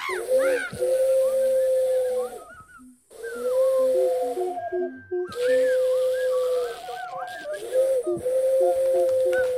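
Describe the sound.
A person hoots like an owl, making several long, breathy, wavering hoots in a row with short pauses between them. The calls are loud, with no talking.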